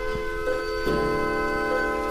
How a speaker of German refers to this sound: Zur vollen Stunde fühlt man sich im Uhrenladen Zeit und Klang zwischen all den Wanduhren und Standuhren fast wie in einem Orchester.